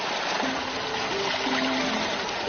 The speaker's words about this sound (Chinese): 随着潺潺流水再次充盈水渠，莲田也得以躲过即将到来的高温炙烤。